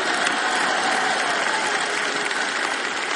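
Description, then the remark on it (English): Steady audience applause fills the whole stretch, a dense, even wash of many hands clapping at a consistent loudness with no voices standing out. “Now, you don't even know whether to clap for that or not.”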